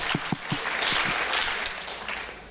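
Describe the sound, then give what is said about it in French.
An audience claps for fellow attendees who raised their hands in a quiz, a dense wash of overlapping hand claps at moderate loudness that holds for a couple of seconds and then begins to thin out, with no voices over it. “Regardez, on peut applaudir ces gens-là, vraiment.”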